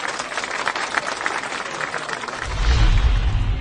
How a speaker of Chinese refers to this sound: 哎，让我们为自己鼓鼓掌吧，好不好？